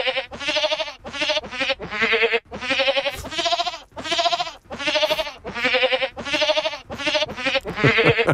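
A rapid series of loud goat bleats, pitch-edited with technical help so each is held on a distinct pitch and they string together into a song melody. The bleats follow one another in a steady rhythm, with no speech.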